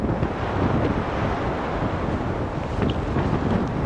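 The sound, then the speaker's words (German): Loud, roaring storm wind from a hurricane-force low, with gusts of about 110 to 120 km/h, batters the microphone on the coast of Greenland in steady, buffeting gusts, a dense rumbling rush that fills the whole recording with no pauses. “Das sind jetzt Böen, das ist jetzt dieses Orkantief. Die sind so bei 110, 120 Kilometer pro Stunde.”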